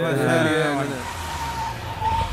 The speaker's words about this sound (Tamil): ஏ car வந்துச்சு பா, அந்த பாரு என்ன கார் அங்கேயும் நின்றுச்சு.